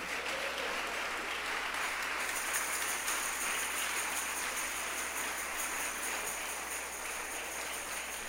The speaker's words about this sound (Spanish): ¿Cuántos le damos un aplauso al Señor?